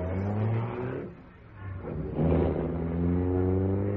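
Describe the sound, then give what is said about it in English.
A car engine hums, eases off briefly, then revs up loudly with a steady droning roar as the vehicle pulls away. No one speaks. “Now, get away from my car before I run you down.”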